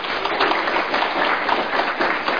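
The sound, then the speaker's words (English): A crowd applauds the media art students from Northeast Community College. Many hands clap in a dense, even wash of sound that stays loud throughout, with no pauses or voices. “I want to also ask for a round of applause for the media art students from Northeast Community College.”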